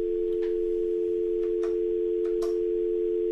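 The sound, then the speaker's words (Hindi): A steady, continuous telephone tone hums without a break as a caller's phone line fails to connect to a call-in show, with a few faint clicks and crackles scattered over it and no one speaking. “लगता है उनका फोन अभी नहीं लग पा रहा है.”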